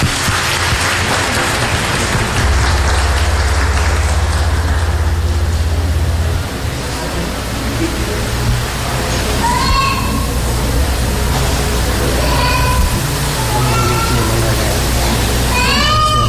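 A crowd applauds steadily for about sixteen seconds, a dense, loud wash of clapping with a few high whistles and cheers rising over it toward the end.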